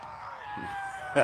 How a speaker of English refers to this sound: As you hear the Brody Turbush cheering section, giving a little bit of the sword chant over there.